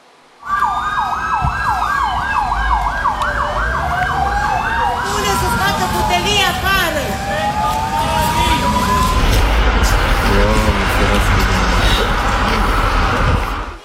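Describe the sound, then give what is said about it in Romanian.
Several fire engine sirens wail loudly and continuously, their rising and falling tones overlapping, with a steady rumble of engines and street noise beneath, as multiple fire trucks respond to a fire at a social housing complex in Săcălaz, near Timișoara, Romania. “Pompierii au intervenit cu mai multe autospeciale.”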